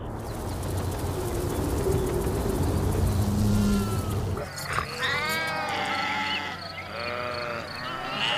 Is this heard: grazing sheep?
yes